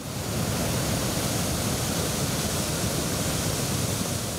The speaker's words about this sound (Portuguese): Perto das cachoeiras, as imagens mostram a força da correnteza.